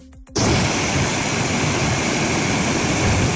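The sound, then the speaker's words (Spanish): Floodwater rushes loudly down ravines in Celada, Teruel, after a strong afternoon storm, a steady, dense roar of churning water that starts abruptly after a brief moment of quiet and continues unbroken and powerful, with no voices. “El agua bajó con fuerza por las ramblas, aunque por el momento no se han registrado daños personales ni materiales.”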